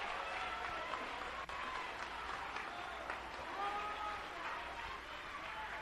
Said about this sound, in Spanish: Denle un aplauso a Cristo, que él se lo merece en esta noche.